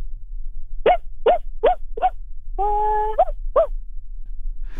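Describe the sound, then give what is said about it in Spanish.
A person imitates their own small dog barking: four quick, high yaps in a row, a drawn-out whiny howl, then two more yaps, clear over a low background hum. “¿Estás listo para interpretar a tu perro? Sí. Ok, …, ladra.”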